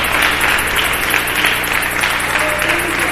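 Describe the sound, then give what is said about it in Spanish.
A church audience bursts into sustained applause for the Lord, a dense, steady wash of many hands clapping at once, loud and continuous for a few seconds with no clear pauses. “¿Por qué no le dé un aplauso al Señor?”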